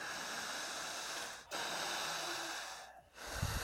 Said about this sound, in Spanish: Siga respirando. Larga.